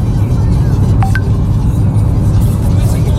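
A car driving to work through heavy traffic by the sea in the Ñuble region of southern Chile, with a steady, dense low rumble of engines and road noise throughout and a couple of brief, high tonal chirps early on.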